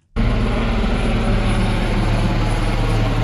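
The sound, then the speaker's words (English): A helicopter searching for survivors after a ferry sank off the coast of northern Cyprus roars, its engine and rotors producing a loud, steady droning throb that starts abruptly and holds constant throughout, with no voices. “Boats and helicopters have all been deployed to search for survivors.”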